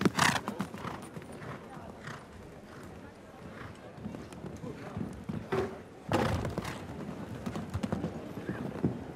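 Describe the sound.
A horse gallops over a show-jumping course in a steady rhythm of thudding hoofbeats, with a heavier burst around a jump as the rider closes the legs to meet the right stride for take-off, while a person talks over it.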